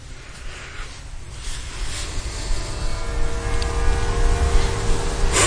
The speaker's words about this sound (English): That's the bells of the church you're hearing through the opening. It's the city hall. It's the bells of the city hall.